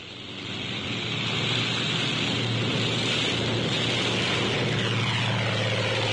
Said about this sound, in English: A carrier plane takes off, relying solely on propeller thrust.